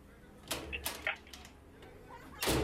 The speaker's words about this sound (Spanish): ¿Quién toca la puerta?